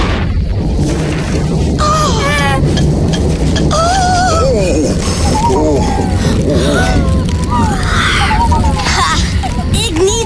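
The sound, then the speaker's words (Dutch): Loud, continuous thunder rumbles and cracks for the whole stretch, with excited voices crying out and chattering over the booming roar. “Wat een donders geknal, zeg.”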